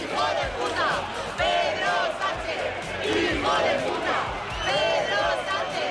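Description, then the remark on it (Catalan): A large crowd in Madrid shouts in unison against Pedro Sánchez on 2 October, rhythmic chanted slogans rising and falling in loud waves, with many overlapping voices and a constant roar of crowd noise throughout. “Un 2 d'octubre que va ser crispat a Madrid amb aquests crits contra Pedro Sánchez”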